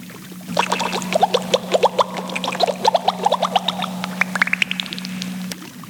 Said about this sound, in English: What was that? Did you hear a splash?